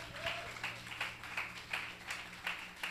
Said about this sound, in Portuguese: as palmas no nome santo do Senhor.